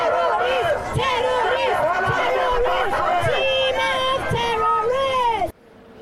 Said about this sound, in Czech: Trošku ochutnávka toho, co křičeli směrem k iránskému režimu